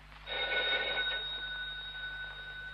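A telephone bell rings steadily, a bright sustained metallic trill that starts abruptly and lingers, clear with no voices over it.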